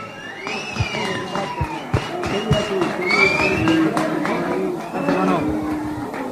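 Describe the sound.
A lively crowd cheers and shouts over one another, many voices overlapping, with scattered claps and thumps cutting through the steady, close roar for the whole stretch.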